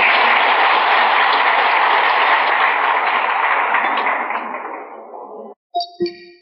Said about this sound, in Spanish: Eso es todo y pido un gran aplauso para estos hermanos.